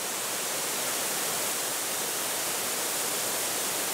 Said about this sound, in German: Der Nabigataki-Wasserfall. Der Nationalpark ist berühmt für seine Bäche und Schluchten.